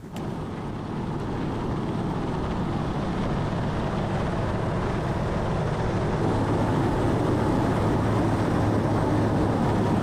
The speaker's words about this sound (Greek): Πρέπει να είναι λίγο τρομακτικό τώρα για να ανεβοκατεβαίνει το ελικόπτερο, οπωσδήποτε. Εντάξει, δεμένη είναι, αλλά τι θα πει τώρα.